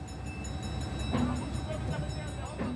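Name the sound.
train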